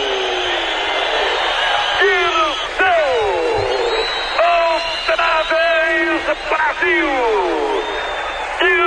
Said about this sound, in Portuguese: Dirceu! Uma torcida está gritando, 110 milhões de brasileiros estão festejando.